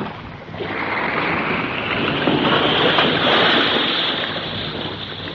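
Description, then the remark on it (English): Steady, loud rush of churning water and wind around a rocking boat at sea as a submarine surfaces beneath it, a continuous broad wash that swells slightly midway with no voices present. “Hey, the boat's rocking a whole lot more. Yes, I think your girlfriend and her submarine are playing around under us here somewhere now.”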